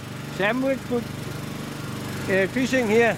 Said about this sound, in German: schmeißt den Motor wieder an.